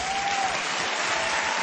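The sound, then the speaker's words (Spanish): A crowd claps steadily, a dense wash of many hands applauding together at an even, sustained loudness throughout, with no one speaking over it. “Hey, si va a aplaudir, aplauda bien.”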